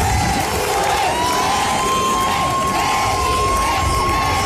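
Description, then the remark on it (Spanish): Hundreds of people cheer and shout continuously in the main square of Melilla, welcoming the head of state on his first official visit to the city, with children's high voices mixed in and a long steady whistle-like tone running through the loud, unbroken roar. “Cientos de ciudadanos los han recibido en la principal plaza de la ciudad, algunos esperando desde la madrugada y otros incluso cambiando las clases por presenciar este momento.”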